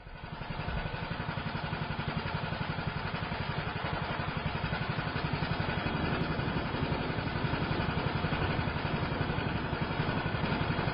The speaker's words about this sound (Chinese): 却听得远处马达声作响，一艘小船从上游而来了。